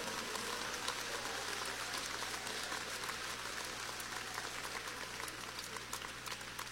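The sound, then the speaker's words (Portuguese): An audience claps steadily in praise of God at a religious service, a dense, even wash of many hands for the whole stretch with no pause or swell, over a low steady hum and with no voices. “Aleluia, pode aplaudir, não tem problema.”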